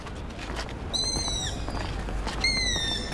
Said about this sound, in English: It's a forlorn call from a secretive night bird, the long-eared owl. The young owl is not alone. There are many of these birds in the park, screaming for attention.